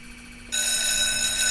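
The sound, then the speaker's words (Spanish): An alarm, set off at 6:49 in the morning on the radio station Máxima Radio, suddenly starts ringing after a brief quiet moment, a loud, steady electronic bell tone with bright, piercing harmonics that continues without pause to the end. “Bueno, me poniendo la alarma, por favor.”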